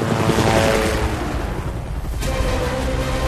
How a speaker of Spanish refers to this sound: Las explosiones que se producen abajo sacuden el helicóptero mientras el muro de nieve se acerca rápidamente a la prisión.